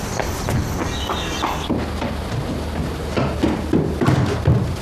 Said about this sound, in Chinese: 是军民小组的人在敲门。